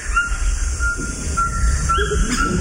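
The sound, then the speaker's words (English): Several short, yelping calls of a Cuvier's toucan ring out over a steady, dense drone of rainforest insects and low rumbling background noise. “Oh, now we're hearing the call of a Cuvier's toucan.”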